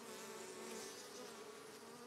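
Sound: honeybees buzzing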